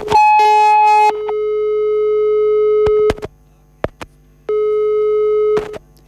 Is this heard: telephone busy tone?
yes